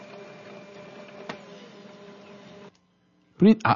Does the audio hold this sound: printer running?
yes